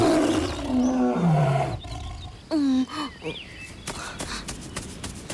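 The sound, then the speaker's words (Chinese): A tiger lets out loud, throaty roars and snarls, the growls rising and falling, followed by quieter rustling and faint calls in the background. The tiger seems unable to move, with an iron trap on its leg. “哎，奇怪，老虎似乎动弹不得，腿部有一个铁夹子。”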